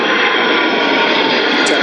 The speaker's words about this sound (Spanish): Ahí están esos aviones militares boicoteando los micros de raíz.